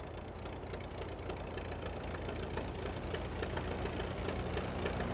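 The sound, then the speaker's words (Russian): A small aircraft engine idles steadily just after being started, the plane almost ready for takeoff; a continuous low rumble with a rapid knocking pulse that holds level for several seconds, with no voices. “Когда Гарри запустила двигатель, я обомлела.”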